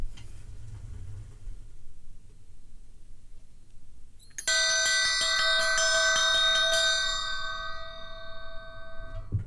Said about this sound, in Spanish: Hemos escuchado tres campanas y ahora voy a hacer sonar una.